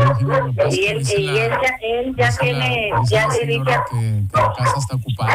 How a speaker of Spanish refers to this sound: ay, calla el perro.